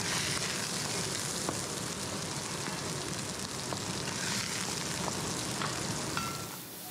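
Sea bass, already seared, sizzles in a pan with butter, garlic, rosemary and thyme: a steady, loud crackling hiss with scattered small pops, continuous throughout and easing slightly at the very end, with no voices.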